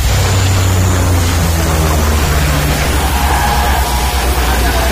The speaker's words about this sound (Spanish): Sí, esa es una secuencia de un incendio de hace unos años. Y estamos con los bomberos, con las focas que nos echan el agua encima.